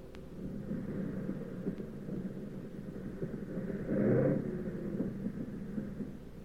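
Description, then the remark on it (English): A plane with one engine sputtering and its fuselage full of holes comes in to land with a steady, low engine drone, a rough rumbling that swells louder for a moment near the end before settling again. No one speaks. “But we came in okay, with one engine sputtering and the fuselage full of holes.”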